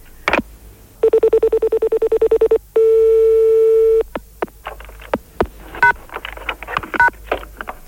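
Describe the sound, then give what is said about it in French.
Telephone line tones after a hang-up: a click, a rapid run of about a dozen short beeps, then a loud steady tone, followed by scattered clicks and a couple of brief higher beeps. “Alors je raccroche.”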